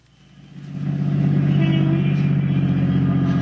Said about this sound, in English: We're lucky. There's a parking space. All right, pull in. Now turn off the motor.